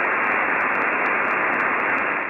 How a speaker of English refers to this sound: Go to the dial, try to listen to those two radio stations. It's nothing but static.